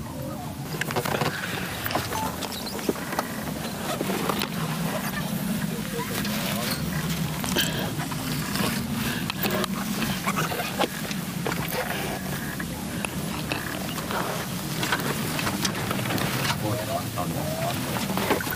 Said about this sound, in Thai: พอเข้าใกล้บางไพรนะครับเรือก็จะดับเครื่องเพื่อลดการรบกวนนกรอบๆแล้วก็ล่องเข้าไปช้าๆครับ